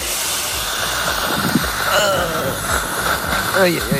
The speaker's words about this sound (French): L'aspirateur de salive, ah, chez oui. Le dentiste. Ah oui, le fameux aspirateur de salive.